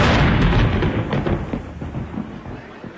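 thunder rumbling

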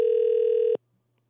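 telephone ringback tone

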